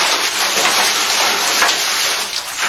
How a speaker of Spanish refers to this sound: Bueno, y de paso, ahí va el cubeta de agua para ellos.